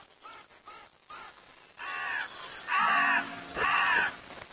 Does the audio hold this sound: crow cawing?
yes